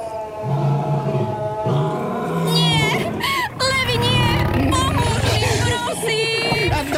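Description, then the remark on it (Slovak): Loud, continuous lion roars in a desert fill the whole stretch, deep and growling with rising, strained cries layered over a dense, busy background. “Možno ťa o tom presvedčia tamtie levy.”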